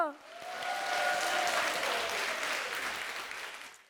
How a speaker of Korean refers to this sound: 오늘 무대 함께 즐겨주신 여러분께 감사드리며 큰 박수로 예음 전통연희단 친구들을 격려해주세요.